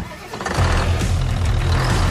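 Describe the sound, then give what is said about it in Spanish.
A heavy tractor engine cranks and catches, then settles into a loud, steady low rumble that fills the rest of the moment, with no voices. “Si buscas un tractor fuerte, eficiente y listo para cualquier terreno, elige New Holland.”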